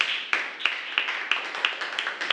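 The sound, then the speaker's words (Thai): A group of schoolchildren in a classroom claps together in a steady, rhythmic beat, sharp unison claps about three per second over a bright wash of scattered hand claps, with no talking, applauding their classmates in group 1 at the teacher's request. “ถูกต้องค่ะในกลุ่มที่1นะคะอันนี้ปรบมือให้เพื่อนหน่อยค่ะ”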